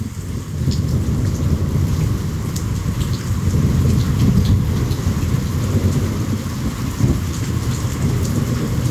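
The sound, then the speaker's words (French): Steady, heavy rain pours down continuously while low thunder rumbles through the background, with faint scattered drips and splashes standing out above the dense wash of the downpour. The first rain of the year with a thunderstorm, recorded at Ouidou on 20 July 2023. “On peut écouter le son de la première pluie de l'année et de l'orage à Ouidou.”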